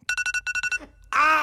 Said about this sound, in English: And I just before I say this, I'm going to have to give a content warning for alarm noise.